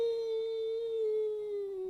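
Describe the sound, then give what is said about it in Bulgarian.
A long, steady howl holds one mid-pitched note with a rich harmonic edge, sliding slowly downward over about two seconds, with no talk over it. “Чуваш ли как вие върколака в долината?”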